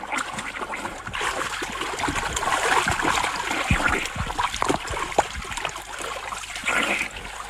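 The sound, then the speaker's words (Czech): Continuous splashing and sloshing of water, with irregular slaps and churning as a person swims in a river toward a man in a boat, steady and moderately loud without any talking. “Pane Mláři, nezlobte se na mě. Už k vám plavu.”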